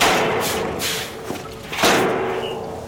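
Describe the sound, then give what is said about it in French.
The heavy rear door of a truck trailer at a circus being opened to let out a new arrival, with a rough metallic scraping rush, a couple of dull thuds and clunks partway through, then a fading rattle. Fairly loud, no voices. “Monsieur Loyal s'approcha de la porte arrière pour libérer le nouveau.”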